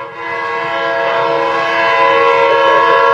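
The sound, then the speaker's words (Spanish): A train horn blares loudly and steadily from a railway train passing in front of the station, a sustained multi-tone chord held for several seconds with a low rumbling undertone of the train beneath it, no voices present. “Ese sí es ferrocarril.”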